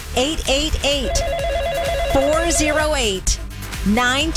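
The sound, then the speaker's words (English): A telephone rings with a rapid warbling trill lasting about a second as a caller phones in to a fundraiser, clearly audible under continuous talking. “But we do hear the phone ring when you call, and that would be very encouraging.”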